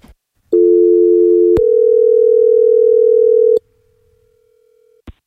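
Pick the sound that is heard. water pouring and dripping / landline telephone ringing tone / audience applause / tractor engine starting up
landline telephone ringing tone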